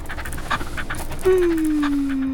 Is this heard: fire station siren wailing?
no